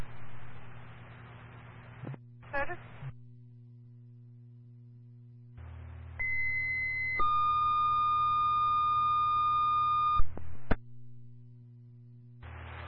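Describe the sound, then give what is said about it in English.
Radio dispatch paging tones over a hiss of static, sent to page an EMR or EMT to complete an EMS crew: one steady high beep, then a long, slightly lower held tone, loud and clear, framed by brief bursts of radio noise. “Can you please drop another set of tones through an EMR or EMT to complete this crew, please?”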